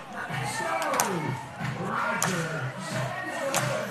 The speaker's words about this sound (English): Everyone clapping along in the Flamingo dugouts.